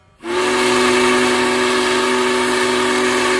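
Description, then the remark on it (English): The whistle of a Big Boy steam locomotive, pulled by hand by the crew, blows in one long, loud, steady blast, its strong tone holding unbroken for several seconds with a hiss of steam around it. “Even operating the whistle takes strength. The whistle requires a significant pull”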